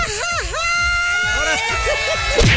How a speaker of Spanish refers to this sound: ¡A huevo, viva México! Quiero un grito mexicano de mariachi.